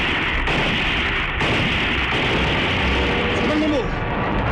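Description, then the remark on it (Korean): Loud, continuous machine gun fire from concealed machine gunners shooting at a descending aircraft rattles in a dense, rapid stream, layered over a roaring wash of noise with a few sharper bursts punching through. “비행기가 고도를 낮추자 은폐해 있던 기관총수들이 비행기의 기관총을 갈겼다.”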